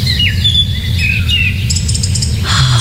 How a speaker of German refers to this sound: Ach Leute, für mich gibt's fast keinen schöneren Sound am Morgen als so Vögelgezwitscher.